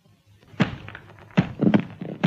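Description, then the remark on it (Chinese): Several dull, hollow thunks land at uneven intervals as a person bumps their head against something hard in pitch darkness, each impact fairly loud with a short rumble after it. “哎呦，我的脑袋！”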